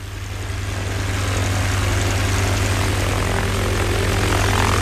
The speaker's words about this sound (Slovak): Ja tvoju motiku, vrtuľník! Ťažký bojový vrtuľník s gulometom a raketami. No nazdar, Rusy. A sú to Rusy. Červená hviezda na boku stroja.